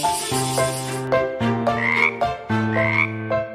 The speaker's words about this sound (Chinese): 小青蛙在池塘里附和着